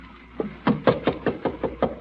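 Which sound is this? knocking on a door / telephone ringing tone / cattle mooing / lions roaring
knocking on a door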